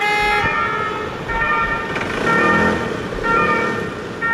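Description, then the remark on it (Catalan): An ambulance siren alternates between two steady tones, sounding loud, over a constant rumble of street traffic. “ambulàncies aturades més del que és habitual i molts nervis és el que hem vist al carrer.”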